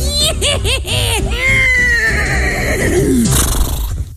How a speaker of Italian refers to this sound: Potete lasciare un messaggio dopo il nitrito acustico.